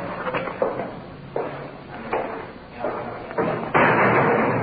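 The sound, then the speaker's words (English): A heavy iron door slams shut with a loud metallic bang as police bring a suspect inside toward the booking desk, preceded by a few clunking thuds and followed by a sustained reverberant rumble. “Through the big iron door inside.”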